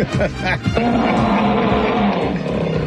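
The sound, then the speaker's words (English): A person loudly imitates an animal roar, a sustained, rough, trumpeting bellow like an elephant, held for about three seconds. “What was that? It sounded more like an elephant.”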